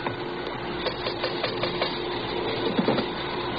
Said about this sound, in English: You want to rap on the pay window? Yeah.